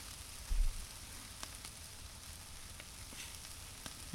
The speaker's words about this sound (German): Oh, das raucht ganz schön. Lecker, lecker Wurst. Oh, dieser Qualm. Lecker, lecker Wurst. Oh Gott, wie das spritzt. Die lecker, lecker Wurst.